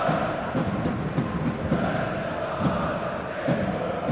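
A large football stadium crowd roars steadily after a sliding tackle in a match between Alemannia and Viktoria Köln, a dense wall of cheering and noise that holds at a fairly loud level throughout, with occasional louder shouts rising out of the mass.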